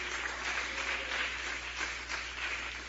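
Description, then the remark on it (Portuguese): A church audience claps steadily and continuously in praise of Jesus, a dense wash of many hands applauding together at moderate volume, with no speech over it. “Palmas alegres para Jesus, igreja.”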